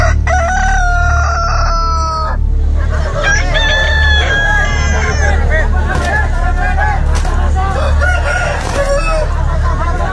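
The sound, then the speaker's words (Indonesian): A rooster crows loudly twice in close succession, followed by a busy jumble of clucking fowl and a low murmur of voices in the background. “Ayam jago kedua belah pihak segera dilepaskan ke arena.”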